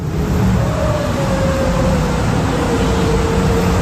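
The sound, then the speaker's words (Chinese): A steady low droning hum with a vibrating, rumbling quality, heard at night in a newly occupied home in Guangming District, Shenzhen; continuous and unchanging, with a faint higher tonal whine drifting through it. No voices are present. “就是这种嗡嗡声带有震动感，但音量不大，让人无法忽略。”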